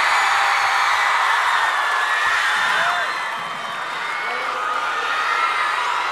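A loud crowd applauds and cheers steadily, with whoops and shouts rising over a dense wash of clapping that dips briefly midway before swelling again.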